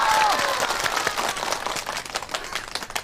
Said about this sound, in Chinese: 热烈的鼓掌。